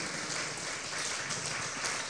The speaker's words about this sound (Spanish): Dele un fuerte aplauso al Rey de Reyes y Señor de Señores, al que cambia.